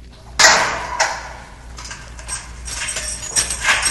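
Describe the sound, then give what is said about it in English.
A heavy state prison cell door slams shut with one sharp, loud metallic bang, followed by a softer knock and a stretch of faint clanking and rattling. “As the cell door slammed shut, I felt a pain that no drug could quench.”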